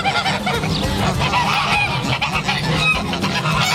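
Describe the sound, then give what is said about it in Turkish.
A flock of farm ducks or geese on a farm in Çubuk honks and calls continuously, several birds overlapping in a dense, loud chorus with no speech. “keçimiz var, koyun var, tavuğumuz var, ördeğimiz var, işte hindimiz var.”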